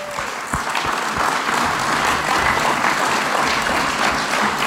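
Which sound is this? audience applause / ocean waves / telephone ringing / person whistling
audience applause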